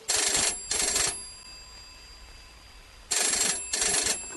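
A telephone bell rings in two double bursts, each pair of bright trilling rings followed by a pause of about two seconds, loud, with no voices.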